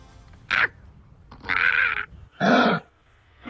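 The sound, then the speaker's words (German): Three rough, throaty calls of a kangaroo, probably a wallaby (a small kangaroo), loose in Elmshorn, each a harsh raspy burst lasting under a second, with short gaps between them and faint background noise. “Ja, in Elmshorn ist seit Samstag ein Känguru unterwegs. So klingen die wirklich.”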